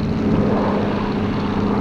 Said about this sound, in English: Okay, Skipper, I won't tell you about the plane up there.